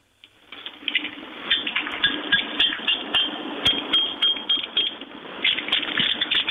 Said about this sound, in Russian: Ключи какие-то достану, чтобы был не пальцами. Пальцами оно как-то... Пальцами, не берегите пальцы.